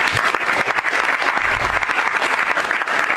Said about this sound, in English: And the president drew that applause this past hour in comments to the press after the cabinet meeting.